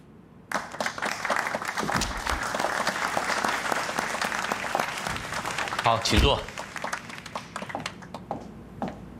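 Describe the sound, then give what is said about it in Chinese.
A room full of people at a monthly company meeting breaks into sustained applause to welcome the new general manager: dense rapid clapping that starts abruptly and holds steady for several seconds, with a brief louder swell near the end. “现在就让我们大家一起鼓掌”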